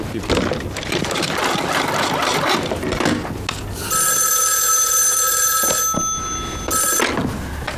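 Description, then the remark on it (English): A telephone rings with a sharp, high electronic trill in two bursts, the first long and the second shorter, after a stretch of rustling, scraping activity. “Get Washington on the phone.”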